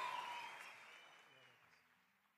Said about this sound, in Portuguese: Aplaude Jesus aí, meu povo. Glória a Deus.